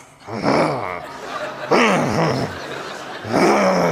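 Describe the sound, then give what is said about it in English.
A single voice imitates the low, menacing growling and murmuring of an audience at a funeral, in three drawn-out, rumbling bursts, fairly loud, with short pauses between them and no actual words. “I start to hear this growling, this murmuring. And I looked out on the audience and people literally would go like this with their mouth.”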